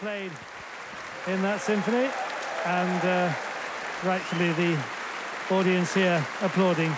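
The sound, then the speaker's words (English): A capacity concert audience at the Royal Albert Hall gives a standing ovation after an evening that included a performance by Martha Argerich, a steady, dense wash of clapping that carries on throughout, while a man's voice talks over it in short phrases. “And once again he brings them to their feet, and this capacity crowd here at the Royal Albert Hall acknowledging a splendid evening, which of course included that performance by Marta Argerich.”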